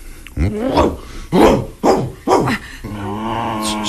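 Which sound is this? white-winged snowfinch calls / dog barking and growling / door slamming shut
dog barking and growling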